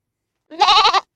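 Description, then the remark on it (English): A single goat bleat, the WGOT radio goat of 100.1 LPFM Gainesville, loud, with a wavering, quavering tone that lasts about half a second before cutting off. Nothing else is heard around it. “Why, son, that's the mighty W-G-O-T goat flying through the airwaves and spreading the sound of freedom on 100.1 LPFM Gainesville and streaming everywhere on WGOT.org.”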